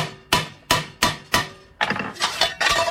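A hammer strikes a metal bell four times at a steady pace, each blow sharp with a brief ring, as the bell is shaped after bending the metal in a bending die. Then a quicker, clattering run of hits follows. No one speaks.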